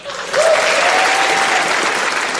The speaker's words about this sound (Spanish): Con los aplausos del público en la iglesia de San Patricio